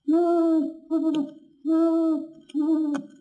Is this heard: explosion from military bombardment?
no